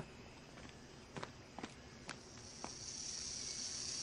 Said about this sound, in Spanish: Oh, ¡una cascabel diamante! ¡Wow! Mira ese cascabel en la cola. Tiene escamas especiales que la hacen sonar. ¡Déjame ver! No te acerques mucho, Sabu, porque esta serpiente es venenosa. Es una cascabel diamante, la cascabel más grande en la Tierra.